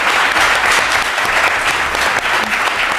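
Sustained audience applause in Murcia fills the whole stretch, a dense, steady patter of many hands clapping, loud and continuous with no voices on top.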